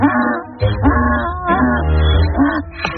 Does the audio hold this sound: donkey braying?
yes